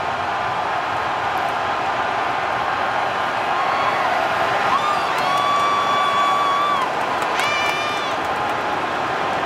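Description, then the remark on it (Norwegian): A huge stadium crowd at the Estadio Azteca roars continuously as a penalty is awarded to Mexico in a football match, a dense wall of cheering and shouting, with piercing whistles and whoops rising above it midway through and again near the end. “Straffespark til Mexico. Hør på Azteca.”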